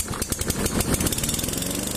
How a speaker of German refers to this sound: Der Rasenmäher. Sein Einsatz sorgt stets für Lärm und unterschiedsloses Kürzen. Von Gras meistens.